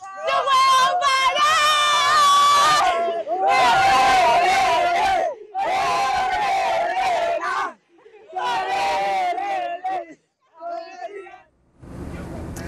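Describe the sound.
A large crowd of Argentina football fans, celebrating qualification for the World Cup final against Spain, chants and sings loudly in long, sustained phrases, several bursts separated by short pauses, with cheering voices blending into a rough, energetic roar.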